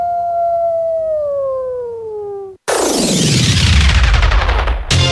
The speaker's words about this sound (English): Sounds of Alaska from KRUA 88.1 Anchorage, featuring wolves.